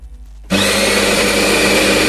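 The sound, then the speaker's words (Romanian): After a brief low hum, a coffee grinder abruptly starts up grinding coffee beans, its motor whirring loudly and steadily with a gritty, high-pitched grinding that continues without pause. “Mirosul ăla de cafea proaspăt măcinată, îl simți?”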